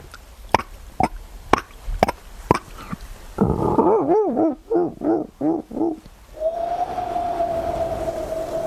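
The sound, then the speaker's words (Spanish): A voice mimics a dolphin: a quick string of sharp clicks, then a run of rising-and-falling squeaky whistles, ending in one long, steady high-pitched whistle. “Mira, joder, el mar y todo, te puedo hacer un delfín.”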